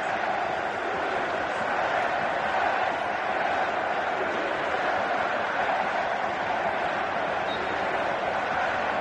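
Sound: stadium crowd cheering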